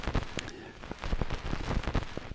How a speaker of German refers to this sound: Da bläst der Wind noch bis in die letzte Rille, pustet er. Und das ist jetzt nicht der Ventilator, der hier vor uns da vor sich hin sirrt. Ah, jetzt sind wir in der Endlosrille, okay.